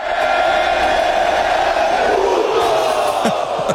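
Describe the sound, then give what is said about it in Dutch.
A large stadium crowd of Mexico fans roars and chants "puto" together in a dense, sustained wall of voices, loud and continuous, with a few sharper shouts rising near the end, as the opposing goalkeeper kicks the ball out. “Want dat roepen ze in het stadion dus ook als de keeper van de tegenstander de bal uittrapt.”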